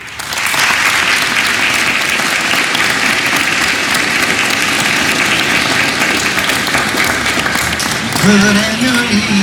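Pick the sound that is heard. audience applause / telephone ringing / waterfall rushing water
audience applause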